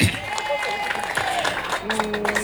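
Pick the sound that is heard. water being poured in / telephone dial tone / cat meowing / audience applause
audience applause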